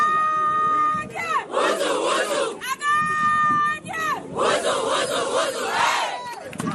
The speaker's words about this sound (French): C'est là qu'elles lancent leur cri de guerre qui les unit dans les vestiaires et sur la pelouse à chaque match.